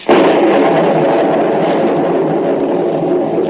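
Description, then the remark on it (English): A loud thunderclap from lightning breaks suddenly and rolls into a heavy, sustained rumble that barely fades over several seconds, with no voices, as a storm is about to bring rain. “Lightning. Practically never strikes game.”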